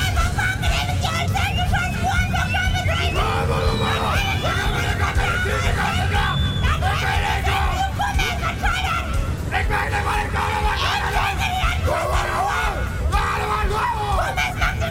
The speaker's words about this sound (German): ist sie doch mittlerweile zum größten Mundart-Schrei-Festival Europas geworden.